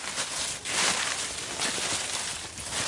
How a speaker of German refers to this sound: Unter unseren Füßen rascheln die herabgefallenen trockenen Blätter der Kastanienbäume.